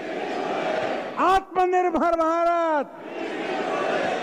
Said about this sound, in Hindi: भीड़ ने हर लक्ष्य के लिए हम इसे करके दिखाएंगे का नारा लगाया।